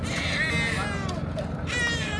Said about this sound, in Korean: 구조대의 손길에 다시금 세상 빛을 보게 된 생후 9개월 아기의 울음소리가 선명합니다.